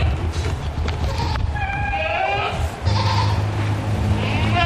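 Several goats from a Morgan County farmer's herd of 21 bleat in wavering, overlapping cries, a few calls close together over a steady low rumble of background noise, with no talking.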